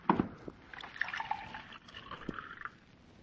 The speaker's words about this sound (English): Pour me a glass of water from that carafe so I can bring him to.